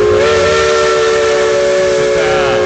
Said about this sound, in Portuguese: É através da nossa Maria Fumaça, da nossa locomotiva que vai rasgando as montanhas do Brasil, rasgando as montanhas das nossas Gerais.